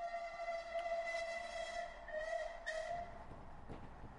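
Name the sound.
steam train whistle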